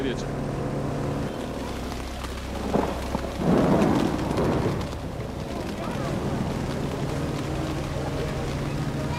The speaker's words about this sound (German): Für die größeren Kinder ist das aufziehende Gewitter noch ein Spaß.